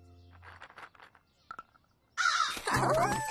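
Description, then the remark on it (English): Harsh crow caws break out loudly in the second half as crows are given walnuts as a treat, several overlapping raspy calls, after a stretch of quieter murmuring and a couple of short knocks. “Got a special treat for the crows today.”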